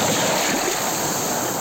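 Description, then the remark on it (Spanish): Steady roar of ocean surf washing onto the beach at Laxe on the Costa da Morte, a dense, continuous hiss of breaking waves with a low rumble and some wind, loud with no voices. “Así soan las ondas na praia de Laxe.”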